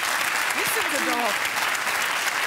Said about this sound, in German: Da klatscht ja wieder jemand, ja, für ….